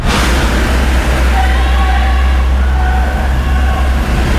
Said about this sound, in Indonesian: Ini di area sekitaran Karanglo-nya kawan. Nah itu di arteri juga kondisi lalu lintas cenderung padat ya.